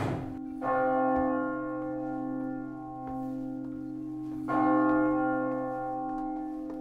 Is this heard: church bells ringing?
yes